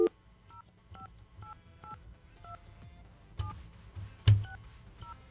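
A rapid series of electronic telephone keypad tones, about ten short two-pitch beeps in an uneven rhythm, as a phone number is dialed to call a woman, with a low background hum and a brief clunk near the end.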